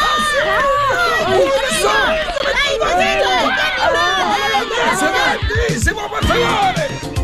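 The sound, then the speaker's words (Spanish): A crowd of many voices shouts and screams over one another in a constant, frantic uproar after a skunk appears in a recreation hall. There are rising and falling yells, and thumps and scuffling running footsteps underneath throughout as people overturn tables and chairs to get out. “Todos empezaron a gritar, a correr y a voltear mesas y sillas para salir de ahí.”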